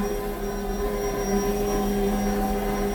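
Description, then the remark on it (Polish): A kitchen machine doing the second kneading of bread dough, step five of seven, running for 2.5 minutes, giving a steady, loud motor drone with a low humming tone and faint higher whine, unbroken for the whole stretch and with no voices. “Słyszymy, jak urządzenie sobie ciasto wyrabia.”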